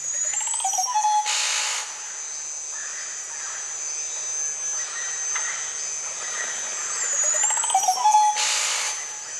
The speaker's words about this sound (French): Il y a d'autres oiseaux que l'on peut proposer aussi, les oiseaux de ces environnements-là, de la Guyane.